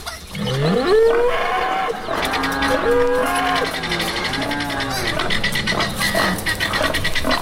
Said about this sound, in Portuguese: Olha o boi tufão.